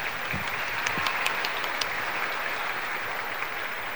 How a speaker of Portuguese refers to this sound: Uma salva de palmas.